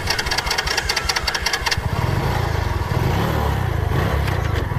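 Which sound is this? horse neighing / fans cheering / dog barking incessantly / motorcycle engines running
motorcycle engines running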